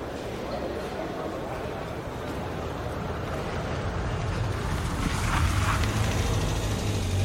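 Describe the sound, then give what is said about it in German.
Radio-play sound effects of a busy street scene: a steady wash of crowd murmur and traffic noise, with a car engine rumbling louder toward the end. “Ja, und wenn man noch ein paar Geräusche hinzufügt, so wie Schritte, Kleingeldgeklimper, ein Auto und eine Menschenmenge, dann könnte sich eine Hörspielszene so anhören.”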